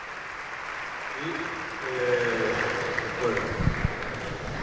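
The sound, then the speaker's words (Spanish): A crowd claps for the players of a Valencia team for a few seconds, a dense wash of applause that swells slightly midway, with scattered voices and cheers rising over it. “Y estira y aplaudís a jugadores.”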